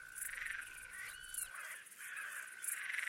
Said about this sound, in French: Site du Malsaucy, mercredi 9 juillet 2003, fin de la nuit, près de l'observatoire. Quelques insectes au nom poétique. Une grande sauterelle verte.